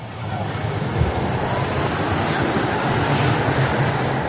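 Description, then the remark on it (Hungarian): A tram rolls steadily along concrete-bedded track with glued-down rails, the concrete amplifying the noise from under the car, producing a loud, continuous rumbling roar with a low hum and faint rhythmic clatter from the wheels, no voices present. “Hát sajnos a betonnak az úzott ágyazattal szemben van egy olyan tulajdonság, hogy a közlekedésből eredő zajok felerősödve kerülnek ki a kocsi alól.”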